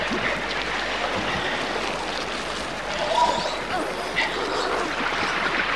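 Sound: flowing river water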